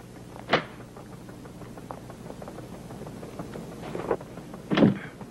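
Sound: door being opened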